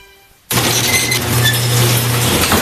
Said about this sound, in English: Your garage door starts squeaking and you think, maybe I'll just lube that up myself.